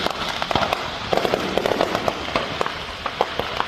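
A fireworks stand near Tulsa, Oklahoma, in the small town of Broken Arrow, catches fire and its fireworks detonate on a Saturday in a rapid, irregular barrage of sharp cracks and pops, dense and continuous, over a steady crackling hiss, with no voices.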